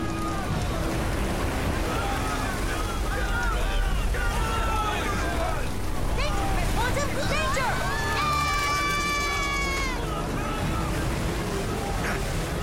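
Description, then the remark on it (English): Storm wind roars steadily around a boat as heavy swells wash and surge against it, with whistling, wavering tones rising and falling over the constant loud rush throughout. “Losing control of the boat on these swells.”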